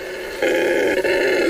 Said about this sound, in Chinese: 从低沉的嘶吼声开始，到雷鸣般的咆哮，这声音在巴西坚果树间回荡，隆隆的声音响彻丛林，沿着湍急的河流传到5000米外。这叫声来自一只雄性的红吼猴